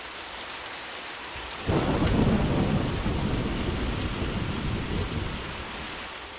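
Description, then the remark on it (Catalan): Steady rain hisses throughout, then a deep rumble of thunder rolls in suddenly and lingers loudly beneath the downpour, fading slowly. No voices are heard. “La pluja alimenta els camps i tota la biosfera.”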